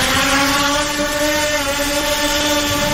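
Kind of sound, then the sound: machine, drone buzzing overhead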